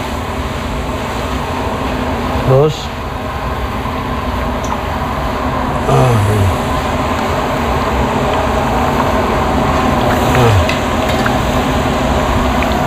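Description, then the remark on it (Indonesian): Half-fried beef lung chips are fried again together in one wok so they cook evenly, with a steady, dense crackling sizzle broken three times by short scraping stirs, and a voice briefly says a word. “Selanjutnya, setelah terkumpul banyak, keripik paru digoreng kembali bersama-sama dalam satu wajan sehingga matang bersamaan.”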